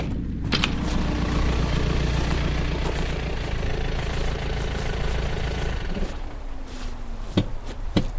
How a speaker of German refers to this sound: Da kommt ein Wagen. Das wird die Polizei sein.